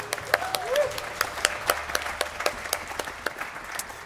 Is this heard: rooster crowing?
no